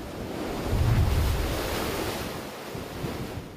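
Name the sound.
ocean waves crashing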